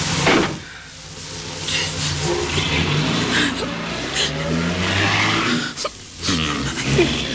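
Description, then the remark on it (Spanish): A car engine starts and revs up, its pitch rising as the vehicle accelerates and speeds away at full speed. The engine noise is loud, with a brief dip before it pulls off. “ni abrió los labios cuando Paul puso en marcha la máquina, que poco después escapaba a toda marcha”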